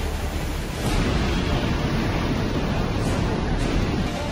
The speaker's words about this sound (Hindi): सबसे पहले जम्मू कश्मीर के बांदीपोरा की इन तस्वीरों को देखिए। भारी बारिश के बीच नाला पूरे उफान पर है, लहरें घरों के किनारों को छूती हुई तेजी से आगे बढ़ रही हैं।